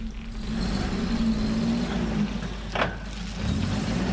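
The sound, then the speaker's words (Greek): A car engine revs with a steady low growl, its pitch swelling and easing a little over a few seconds, fairly loud, with no voices. “Μαρσάρουμε, γκαζώνουμε, πάμε για τίτλους”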